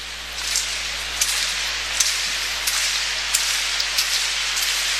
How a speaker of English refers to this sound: Little rhythmic clapping down below.